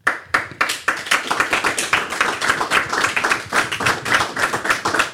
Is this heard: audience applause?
yes